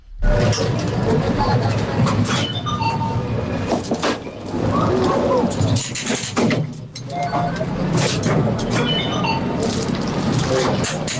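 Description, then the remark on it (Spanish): A fairground ride churns with a loud, steady mechanical rumble and whir, shifting tones rising and falling, while a crowd's voices and occasional clatters blend into the constant din. “Es una atracción en una feria”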